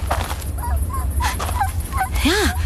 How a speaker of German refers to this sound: Halt! Psst. Hörst du das? Was? Ein Winseln.